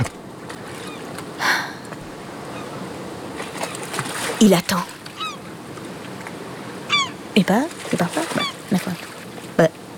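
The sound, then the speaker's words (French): Water laps softly and steadily around a ship moored in a harbor, held in port for lack of wind to set sail, with waterfowl honking and calling and a man speaking briefly over the scene. “Il n'y a pas assez de vent. Impossible de mettre les voiles. Le navire est coincé au port.”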